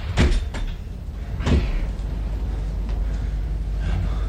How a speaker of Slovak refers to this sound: Rýchlo, zatvorte dvere!